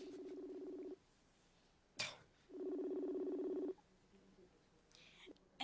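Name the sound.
cellphone keypad dialing tones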